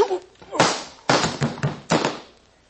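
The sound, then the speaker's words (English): Sharp, stinging slaps to the face land in quick succession, three loud cracks with short rustling tails between them, and no talking over them. “Try anything fancy, and the next slap will be with this pistol.”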